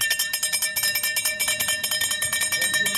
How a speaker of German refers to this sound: Ja, das ist das Klingeln vom Eismann, ist doch ganz klar, ja. Wenn der Eiswagen kommt, dann rennen alle los, oder?